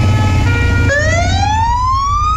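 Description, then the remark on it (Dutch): Fire engine sirens wail loudly and continuously in Hoge Zand in the evening, a high tone that drops briefly and then sweeps slowly upward, over a low, steady rumble of engines, sounded not for a fire but as a protest action by the Brandweermuseum. No one speaks. “Ja, zo klonk het gisteravond in Hoge Zand. Niet omdat er een flinke brand was, maar het was een protestactie van het Brandweermuseum.”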